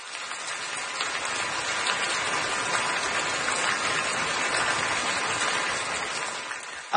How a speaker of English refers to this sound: I know what this sound is or what it's supposed to be, so, but it does sound like I'm in the shower right now. If you have one of those fancy shower, rain shower.